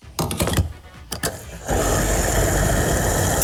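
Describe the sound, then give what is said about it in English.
A few sharp clicks and clunks, then a loud, steady mechanical whir starts up and holds as a fuel pump fills a car's tank. “You say stop when you want us to stop filling up the car, okay?”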